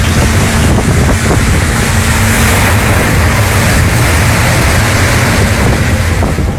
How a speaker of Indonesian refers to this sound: Angin dan badai mulai membuat perahu mereka mulai terombang-ambing dan bahkan air mulai masuk ke perahu.